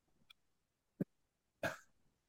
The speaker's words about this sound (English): I'd read it, but I'm going to start coughing again.